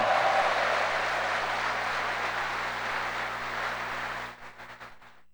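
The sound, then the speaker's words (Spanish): A crowd applauds the confessor priests, clapping steadily in a dense, continuous wash for about four seconds, then thinning into a few scattered claps before fading out. “A ver, ¿quién le da un aplauso a los confesores?”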